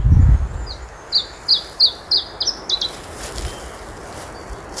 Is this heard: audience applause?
no